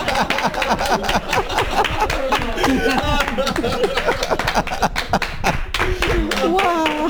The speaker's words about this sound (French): Ah non, il faut applaudir là, c'est pour la radio.